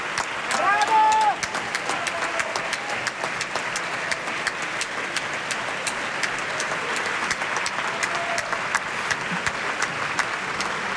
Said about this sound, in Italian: La scena finale, lei che è stata appunto Mrs. Alice Ford, e dunque Luca Salzi, che era uscito a sipario chiuso sul proscenio, adesso rientra con tutta la compagnia alle sue spalle e tutto il teatro gli tributa questo bel applauso.